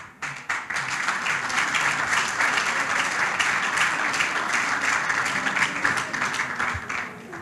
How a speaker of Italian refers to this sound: Grazie, ancora un applauso.